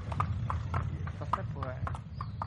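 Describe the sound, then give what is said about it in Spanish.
Horse hooves clip-clop in a steady walking rhythm on a horseback route ride, about three hoofbeats per second, clear, over a low continuous background rumble. “Y esto de las rutas a caballo tiene mucho de eso, que el trayecto también es parte del viaje, incluso la parte más bonita.”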